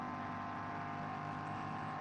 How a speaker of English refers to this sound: I'm sure that's the engine noise. It's not quite in sync.